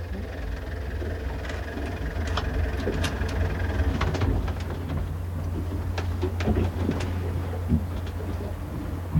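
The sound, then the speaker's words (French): A boat engine drones steadily throughout, a deep continuous hum with scattered knocks and rattles on top, no voices. “Vous voulez qu'on souple le moteur, là?”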